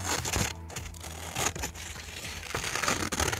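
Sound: scissors cutting paper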